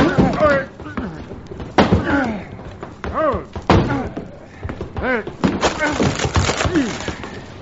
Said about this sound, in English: Someone's banging on that closet door